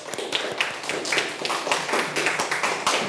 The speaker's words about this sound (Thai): ขอเสียงปรบมือให้เพื่อนๆทุกกลุ่มเลยสุดยอดมาก